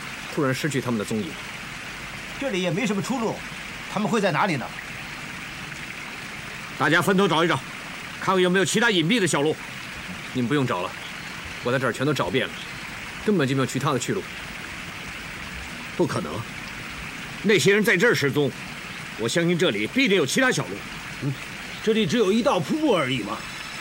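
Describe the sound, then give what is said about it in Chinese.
A steady roar of rushing water from a waterfall fills the background throughout while several people talk in short exchanges over it. “这里只有一道瀑布而已嘛， 瀑布。”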